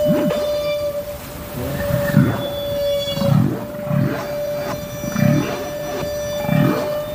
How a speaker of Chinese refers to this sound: 科学家们首先分离出了大齿鲸吐气泡的声音。吐气泡声结束之后，总是会伴随一阵具有循环感的响亮叫声。